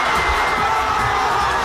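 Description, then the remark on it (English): A large crowd of football fans in Mexico City cheers and roars as Mexico shuts out Ecuador 2-0 to advance to the World Cup round of 16, a steady, loud wash of voices, broad and sustained with no pauses across the short stretch. “Fans in Mexico City had a lot to cheer about as their team shut out Ecuador 2-0 to advance to the round of 16 in the World Cup.”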